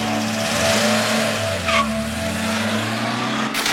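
Car tires skid and squeal in a long, steady screech over a continuous engine roar, loud, lasting several seconds with no voices.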